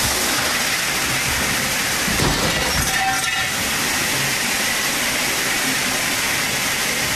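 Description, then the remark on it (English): A fire sprinkler, set off when a dislodged dance pole hit it, sprays water into a Houston apartment with a steady, loud hiss like water pouring down, with a brief clatter and clink partway through and no one speaking. “All right, so look, it may have been tough to spot amid all that chaos, but when the pole dislodged, it hit the sprinkler and it set it off, sent water pouring into her apartment and the one below, by the way.”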